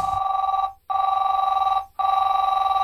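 A telephone rings loudly, a steady warbling trill broken by two brief pauses into repeated ring bursts, with no voices.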